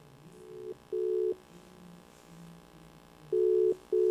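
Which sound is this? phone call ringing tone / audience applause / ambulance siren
phone call ringing tone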